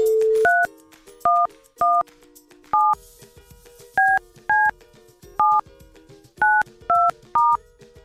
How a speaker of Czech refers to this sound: Tak, a je vytočeno.